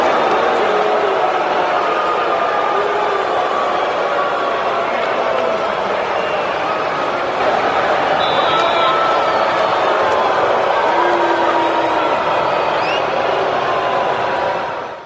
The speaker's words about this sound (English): Like, if you go to hell, it's like you're getting booed as you walk in, and it's a chorus of boos, like Tua experienced when he took the snap under center to open action tonight.